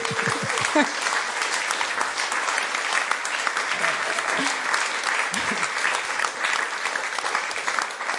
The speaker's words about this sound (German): Danke vielmals. Ein Applaus.